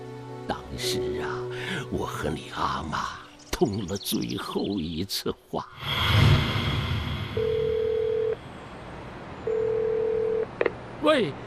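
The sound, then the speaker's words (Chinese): A telephone line tone sounds twice as long, steady beeps about a second each with a pause between, following a stretch of warbling tones, clicks and a brief burst of line noise. “那天一早，12月嘛，天有一点凉，接到李义东小姨的电话”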